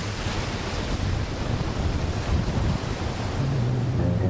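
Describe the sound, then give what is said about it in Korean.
Loud, steady roar of ocean waves breaking against the rock wall at the end of the white sand beach at Lucky Bay, Esperance, Australia, a dense wash of surf with slight surges and a low rumble underneath, no voices. “모래사장의 끝, 바다와 맞닿은 암벽으로 파도가 들이친다.”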